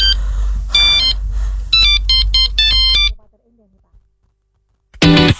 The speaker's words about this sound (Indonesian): telepon siapa? Telepon siapa tuh yang bunyi? Aduh.